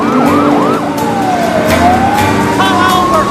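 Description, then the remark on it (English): Several police sirens wail at once from squad cars chasing a speeding car on either side of it, their pitches sweeping and overlapping as the cars race by over a loud rush of traffic and engine noise. “He checks the position of the squad cars in his wing mirror.”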